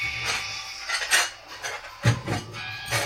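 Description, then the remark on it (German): Dishes clatter and clink repeatedly in quick, uneven bursts in a video game, a busy jumble of plates and cutlery knocking together with no voices; the sink and floor are full of dirty dishes. “Die Spüle ist voll, der Boden ist voll mit verschmutztem Geschirr.”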